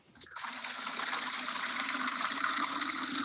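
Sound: water filling a container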